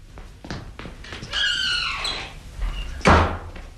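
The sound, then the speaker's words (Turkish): A door lock clicks and rattles as the door is unlocked, then the door swings open with a long, high, wavering creak, ending in a sharp knock of wood. “Benim Can, kapıyı açsana.”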